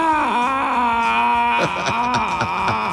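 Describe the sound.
A person imitates a turtle crying, making a sustained, wavering whimpering wail with sobbing pitch dips, loud for about three seconds with no other talk.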